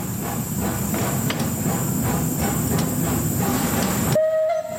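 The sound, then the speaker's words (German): Historic steam tram Lok 12, over 130 years old, rumbles steadily as it departs from the tram depot in Bern, with low chugging, hissing steam and faint high metallic tones, before the noise cuts off abruptly near the end, leaving a thin whine. “Sie dampft und zischt vor dem Tramdepot wie ein Tier, das endlich aus dem Stall will.”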